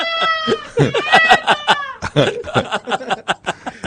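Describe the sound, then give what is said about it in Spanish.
Cats on a terrace yowl in long, wavering high-pitched cries, followed by a rapid run of short, choppy bursts that sound like snickering or clucking. The sounds are fairly loud and there's no talk. “Son los gatos en la terraza.”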